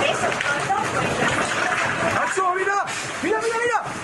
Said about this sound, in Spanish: Este sonido nos llega de Murcia, donde hoy se han alcanzado los casi 45 grados. Un reventón térmico ha provocado estas rachas de viento de más de 80 kilómetros por hora, lluvia racheada y un descenso súbito de la temperatura de esos 45 grados a 32.